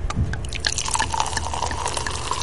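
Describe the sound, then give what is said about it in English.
A just-opened bottle of André Brut sparkling wine, carbonated in large vats before bottling and opened by twisting a plastic cork, fizzing steadily with large bubbles rising, a dense crackle of tiny bubble pops and brief bright ticks over a low, constant hiss, continuous and fairly loud throughout. “And it came right out, and large bubbles are rising to the top.”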